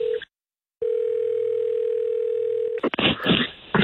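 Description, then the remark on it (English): A phone call to an office number rings back with a steady electronic tone: a short burst, a pause, then one long ring. It cuts off as someone answers and a voice starts talking. “All right, okay, it's ringing.”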